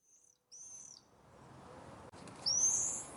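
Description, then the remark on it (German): Common swifts scream in the sky in three shrill, high-pitched bursts, the last one loudest and longest, over a steady rushing background hiss. “Und ich hoffe, vielleicht die ein oder andere Person von euch kann sich auch darüber freuen, wenn es dann nochmal diesen Schrei am Himmel zu hören gibt.”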